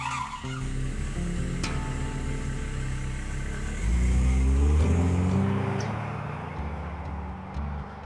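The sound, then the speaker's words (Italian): A man's car engine revs hard and the tires screech as he drives off, the roar swelling loudly midway before fading away. “E dopo averli fissati bene negli occhi, l'uomo fece dietro fronte, tornò alla sua macchina e sparì sgommando.”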